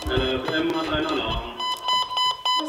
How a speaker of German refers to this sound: Als der Alarm kommt, schaut sie gelassen auf ihren Melder.